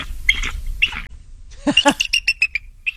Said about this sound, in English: And this is what an eagle actually sounds like. A bald eagle?